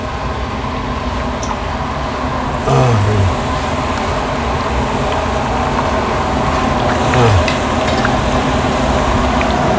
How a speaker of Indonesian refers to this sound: Untuk proses penggorengan paru ada 2 tahap. Pertama, goreng setengah matang.